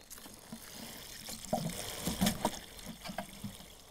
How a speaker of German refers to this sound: Blumenerde. Ja, die ist schön gedüngt. Damit die Heidelbeere hoffentlich wieder angeht. Gleich gießen? Ja, gieß du mal. Ganz viel Wasser drauf, hopp.